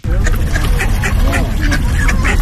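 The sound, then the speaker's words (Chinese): Several wild ducks on the Qinghe River in Beijing quack repeatedly in a busy, overlapping chorus, loud, on an early autumn afternoon with a light breeze, with a steady low outdoor rumble underneath and no clear talking. “初秋的午后，清河岸边微风拂面，山头草芦苇轻轻摇曳，水面野鸭黑天鹅逐波嬉戏。”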